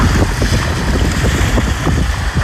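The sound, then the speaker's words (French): Strong wind buffets the microphone on Palombage beach in May, 19 degrees at most, a steady low roar with gusty rumbling, and a faint wash of surf underneath; no one speaks. “Palombage, 19 degrés au plus fort de la journée, un ressenti plus bas à cause du vent.”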